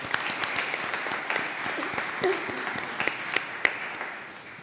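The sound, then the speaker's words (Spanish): A crowd applauds steadily to thank people for their service, a dense wash of many hands clapping at once with a few sharper claps standing out, sustained for several seconds before tapering slightly at the end. “Otro aplauso.”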